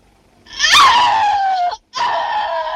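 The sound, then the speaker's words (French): A woman's piercing scream from a shower scene in a De Palma film, the 28th take of the shower scream, rises sharply, then slides down in pitch and holds, breaks off briefly, and resumes loud and sustained. “Après plus d'une heure d'enquête, de bandes magnétiques, de montage et de faux semblants, De Palma nous invite discrètement à nous souvenir de ce cri.”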